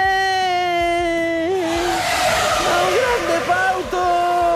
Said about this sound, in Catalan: Això és com sona una bici quan passes a prop? Sí.